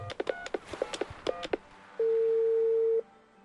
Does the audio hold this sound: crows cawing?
no